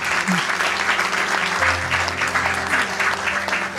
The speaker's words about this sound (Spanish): Un aplauso a la hermana que